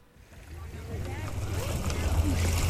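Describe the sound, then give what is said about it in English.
Dale Hollow Lake water laps softly against the shore of 35-acre Trooper Island, a children's camp in Clinton County on the Kentucky-Tennessee border, a steady splashing wash that grows gradually louder, with a low wind-like rumble underneath and faint murmuring in the background. “Water gently slaps the shore of Trooper Island on Dale Hollow Lake in Clinton County.”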